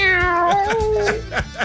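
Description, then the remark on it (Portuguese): A cat lets out a loud, drawn-out meow, its wavering yowl sliding in pitch, followed by a few shorter clicks and bumps in the background. “Esse gato que tá miando”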